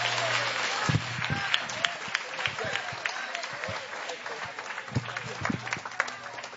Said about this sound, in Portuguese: Palma pra Jesus. Bate palmas e dá glória.